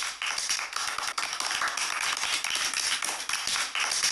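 Children applaud in a steady, dense patter of many small hands clapping, bright and crackly, sustained at an even loudness for the whole stretch with no voices over it.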